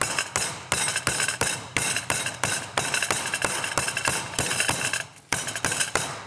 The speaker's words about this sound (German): Also, das Hähnchen muss jetzt natürlich richtig schön platt plattiert werden. Jetzt wird es ein bisschen laut.